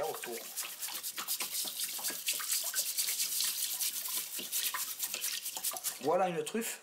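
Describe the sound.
Rapid bristle-scrubbing strokes rasp steadily as a truffle collector scrubs earth and dirt off truffles with a brush under a hiss of running water, continuing for several seconds, with a voice briefly speaking at the start and again at the end.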